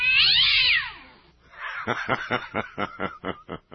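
A cat in great distress lets out a loud, shrill, wavering screech for about a second, then breaks into a quick rhythmic run of harsh, choppy yowls, loud with no talking.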